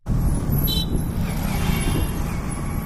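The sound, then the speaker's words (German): Dense, steady roar of road traffic at a busy intersection in the southern Indian city of Hyderabad, hot with the air full of exhaust fumes, engines rumbling and a brief high hiss like an air brake, continuous and loud throughout. “Eine belebte Verkehrskreuzung in der südindischen Stadt Hyderabad. Es ist heiß, laut und die Luft voller Abgase.”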